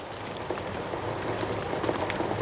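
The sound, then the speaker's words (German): A steady bubbling and crackling of apple slices simmering in a pot on the stove with apple juice, lemon juice, a cinnamon stick and a spoonful of honey, a soft continuous patter of tiny pops with no voices over it. “Das Ganze muss ein paar Minuten köcheln.”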